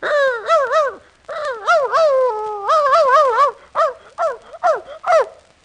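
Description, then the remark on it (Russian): A person imitates a dog, letting out a loud, rapid run of yappy barks and yelps with a few drawn-out, wavering whines mixed in, voiced in uneven bursts with brief pauses. “Отак цілий день гавкаєш.”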